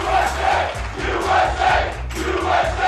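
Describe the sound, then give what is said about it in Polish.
A large crowd in the United States chants a patriotic cry in unison during celebrations of 250 years of independence, a loud rhythmic repeated shout with steady pulsing beats, swelling and dipping over a few seconds with no other voices on top. “Defilady, myśliwce, fajerwerki, koncerty, a ten okrzyk będzie słychać wyjątkowo często.”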